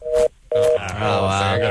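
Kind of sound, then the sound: signal or alarm, telephone dial tone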